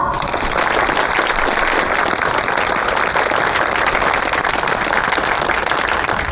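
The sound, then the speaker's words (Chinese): Warm, steady applause from a sizeable audience of colleagues, relatives and friends at a Special Agents Headquarters evening event, thanking Colonel Kuroda. Dense overlapping clapping stays at an even loudness for several seconds without pause. No one speaks over it. “各位同仁，各位亲友，让我们以热烈的掌声感谢黑田大佐。”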